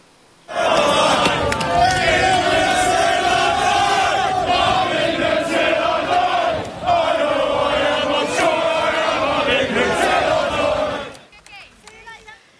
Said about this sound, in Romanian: Echipați cu hanorace și cagule negre, oamenii și-au strigat nemulțumirea față de migranții ilegali. Ei au blocat toate rutele de intrare și ieșire din portul Dover, dar și în jurul orașului pe o distanță de peste 6 km.